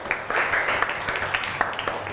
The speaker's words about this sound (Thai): เก่งมากปรบมือให้เพื่อนค่ะ